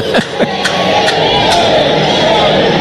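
A large crowd in the stands at Baum-Walker Stadium, at an Arkansas baseball game against the Rebels, bellows the drawn-out, rising Woo Pig Sooie hog call, many voices blending into a loud, sustained roar with a few sharp whoops near the start.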